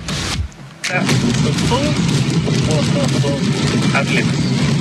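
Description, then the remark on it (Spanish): A steady low rumble of a Tesla car driving, heard from inside the cabin, with road and engine noise filling the background while the car radio plays faintly over it. “Se escucha ahí su vehículo, cómo va.”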